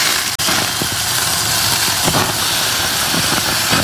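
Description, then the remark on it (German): A huge porterhouse steak sizzles on a grill, a steady hiss with scattered crackles and pops running throughout, loud and continuous with no voices. “Brutzelt hier so vor sich hin.”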